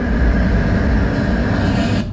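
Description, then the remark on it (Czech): A steady, low rail rumble of an approaching tram in a tram-approach hearing simulation, first heard at roughly 43 metres, with a broad droning hum and a faint tonal whine, continuous for about two seconds before cutting off. “Teď jsem zvedl ruku, protože jsem slyšel hukot, jak se blíží tramvaj.”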